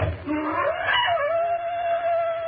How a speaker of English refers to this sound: Stop it. Why? Why do the panthers scream? It is an omen of death.